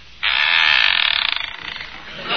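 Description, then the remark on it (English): A gate creaks open with a long, loud, grating squeal that starts abruptly, then breaks into a rapid stuttering rasp as it drags on for about two seconds. “I ain't heard nothing squeak like that since they was putting Grandpa in the box.”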